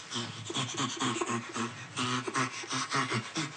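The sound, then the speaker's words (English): Rapid, rhythmic panting laughter from a chimpanzee, with breathy voiced grunts on both the inhale and the exhale, repeating steadily for a few seconds with no talking. “Often, particularly chimpanzees are producing panting laughter. The panting comes from this inhalation and exhalation.”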